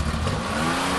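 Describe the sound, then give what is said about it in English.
A car engine revs steadily and loudly, a dense, continuous roar with rising harmonic tones and no other sounds. “Do you have a car that sounds like this?”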